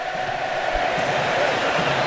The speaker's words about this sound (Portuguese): se liga só, olha a festa da torcida argentina lá em Miami.